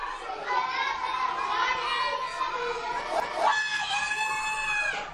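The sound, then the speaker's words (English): An Irish school teacher lets out an extremely loud, shrill 121-decibel yell in 2016, telling a class of kids to be quiet: one drawn-out piercing shout lasting about five seconds with a strained, wavering pitch that rises toward the end. “That's the 121 decibel yell from an Irish school teacher to those kids in class.”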